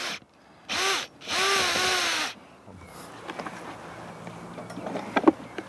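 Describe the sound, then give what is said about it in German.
A power drill whirs loudly in two short bursts, drilling two air-supply holes into the lower end of a furnace weighing about 100 kilos at a fire site, its motor pitch rising and falling, then stops, leaving quiet scraping and light knocks in the background. “wird der Ofen an seinem unteren Ende noch einmal bearbeitet. Kai Liebscher bohrt zwei Löcher.”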